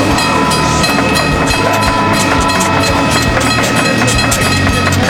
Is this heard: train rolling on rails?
yes